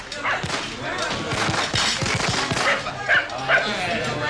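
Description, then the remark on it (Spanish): Dogs frightened by fireworks bark and yelp in short, scattered bursts against a dense, noisy background, with a couple of sharper high yips near the end and voices murmuring underneath. “Ah, sí, claro, los cohetes y el ladrido de los perros despavoridos de susto.”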